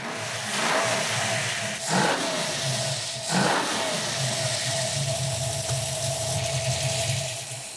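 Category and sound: vehicle, engine revving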